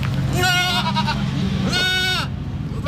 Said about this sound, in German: Also es sieht sehr schön aus. Hier sind schöne Holzhäuser und vor diesen Holzhäusern sind sehr viele Ziegen.